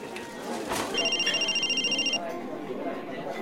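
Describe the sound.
A mobile phone rings with an incoming call from a withheld number, a rapid, warbling electronic trill lasting about a second, cutting over a murmur of background voices and noise.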